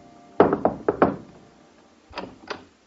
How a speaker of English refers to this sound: And the very next morning, I knocked at their door again.